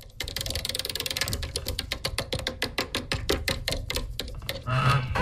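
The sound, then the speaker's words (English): A prize wheel spins with a rapid stream of sharp ratchet clicks that gradually slow and spread apart as it winds down, with no voices over it. “I'm going to move the mic across because this is what it's going to sound like when we give it an official spin later on in the show.”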